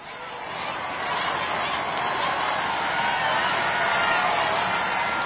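Huge crowds waving flags on either side of the Champs-Élysées in Paris roar their approval as the Pope drives slowly down the road in his Pope-mobile, a dense, unbroken wash of cheering voices that swells after the first second and stays loud and steady to the end.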